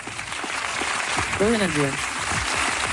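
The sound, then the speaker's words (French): Dense, steady applause from a crowd fills the whole stretch at an even loudness, with a single voice briefly rising over the clapping midway through. “applaudit aussi, bien sûr.”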